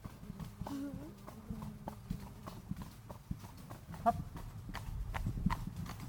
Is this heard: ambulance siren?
no